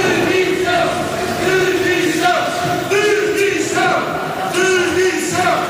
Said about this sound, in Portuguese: Ainda antes da discussão da moção de censura, uma intervenção da Presidente de Câmara, Inês de Medeiros, foi interrompida por sonoros protestos fora da sala, no Fórum Romeu Correia, em Almada. Algumas pessoas gritaram demissão.